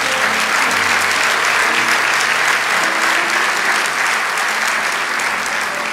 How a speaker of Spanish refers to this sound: Amén. Vamos, dale ese aplauso al Señor.